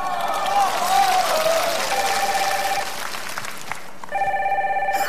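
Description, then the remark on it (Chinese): A phone rings with an incoming call from a dance partner, in two electronic bursts of bright, pulsing tones, with a pause between them, over a steady wash of crowd-like background noise. “我舞伴给我来电话了。”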